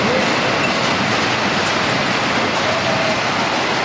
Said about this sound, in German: In einer Glasfabrik hält man es wirklich nicht ohne Ohrenschützer aus. Die Maschinen sind einfach zu laut.